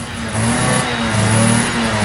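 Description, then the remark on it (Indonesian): A motorcycle engine revs as its rider arrives to pick someone up, its low throaty drone swelling and dipping in pitch through two throttle pushes over a steady idle, loud and with no voices. “Lo serius jemput gue pakai motor kayak gini?”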